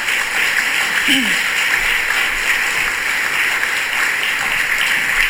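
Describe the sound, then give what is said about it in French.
Sustained applause from a large crowd for a children's choir, a dense, steady wash of clapping that holds at an even level for several seconds with no voices standing out. “Donc, encore une bonne main d'applaudissements pour notre chorale.”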